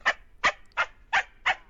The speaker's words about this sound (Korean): 어서 가. 아, 저리 가라고. 아, 진짜 어디 강아지 새끼가.